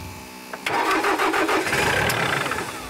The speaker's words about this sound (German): Also der Trecker, der geht immer wieder aus. Erweck ihn zum Leben.